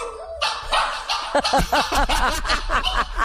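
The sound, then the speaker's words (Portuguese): A small dog yaps close to the microphone in a quick string of sharp, high barks, loud and slightly echoey, with no talking over it. “O cachorrinho late, ele volta no microfone e late de novo.”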